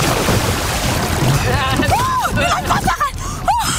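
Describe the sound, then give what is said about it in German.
A canoe rolls over in the water as a paddler attempts a Kenta roll and manages only half of it. A steady rush of splashing and churning water lasts throughout, with a few short vocal exclamations rising above it. “… hat leider nur eine halbe Rolle geschafft”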